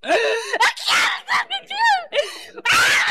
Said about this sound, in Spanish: Oye, Satanás, ¿qué te está pasando? ¿Por qué gritas?